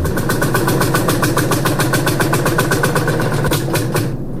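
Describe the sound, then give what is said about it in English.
A loud engine in the West Field chugs with a steady, rapid pulsing rhythm, stumbles briefly near the end, then dies away as it runs out of fuel. “Well, now that's just perfect. Out of fuel and sun's still high.”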